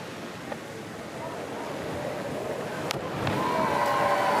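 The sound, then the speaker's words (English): A sharp splash of a cliff diver entering the Neretva River, the second of 12 divers at a cliff diving world series event, cuts through steady rushing outdoor noise, followed by a rise in crowd din with faint whistling. “dropping in to the Naretva River, coming in a bit hot there.”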